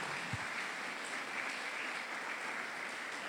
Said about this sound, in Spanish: ¿Y cuánto le damos ese fuerte aplauso?